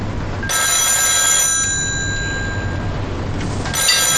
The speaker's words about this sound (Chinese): 电话响了，只有余舟会打过来。